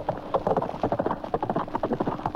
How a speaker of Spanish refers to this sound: El noble animal subió a todo galope.